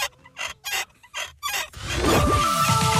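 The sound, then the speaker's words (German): A series of short, creaky squeaks in quick bursts, followed by a rougher, continuous grinding creak with wavering, sliding tones: the rusty neck of a nodding dachshund toy (Wackeldackel) from the 1970s–80s, kept over 25 years in a cellar, being worked back and forth. “Also über 25 Jahre im Keller, da kannst schon mal etwas verrostet quietschen im Genick.”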